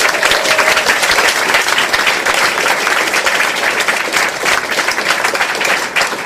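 Sustained audience applause for a singer, a dense, steady wash of many hands clapping at an even loudness for several seconds, with a faint whistle briefly audible near the start.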